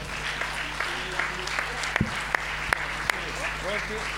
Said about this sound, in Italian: Eccoli qua, chiamiamo dunque anche la Croce Rossa Italiana del Comitato Regionale della Liguria, anche a lei diamo la targa, ecco il bel applauso.